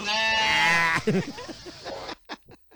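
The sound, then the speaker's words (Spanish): A goat lets out one loud, drawn-out, wavering bleat, followed by a couple of seconds of talking and a few short, sharp sounds at the end. “Qué cabra tan feíta que no te toma en serio.”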